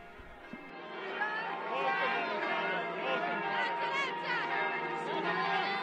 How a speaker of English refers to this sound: We hear the bells celebrating his visit, the first of a pope since 2011, when Pope Benedict XVI visited.